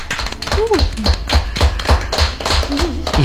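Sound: applause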